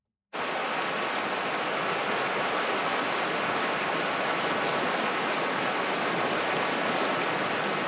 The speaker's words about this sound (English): Just picture it. Beautiful spring day. You're sitting by a small river at the bottom of a valley surrounded by farms, the grass bright green. Very peaceful. Very, very peaceful.